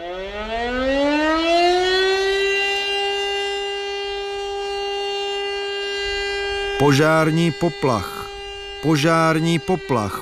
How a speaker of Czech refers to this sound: Požární poplach. Volání hasičů byl vyhlášen požární poplach. Kolikrát jen slyšel tuto výzvu z tlampače veřejného rozhlasu.